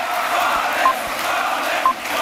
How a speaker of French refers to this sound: Invité d'honneur du meeting, le nouveau meilleur ami de la galaxie Bolloré, Boualem Sansal, qui a été acclamé par la foule.